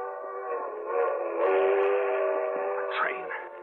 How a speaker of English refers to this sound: I can make that train. It's a quarter mile along the edge of the field of the tracks.